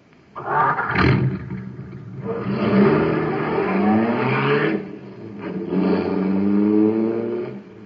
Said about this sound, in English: Boy, that cosmic surface car is really roaring. That's because it's supercharged with super fuel.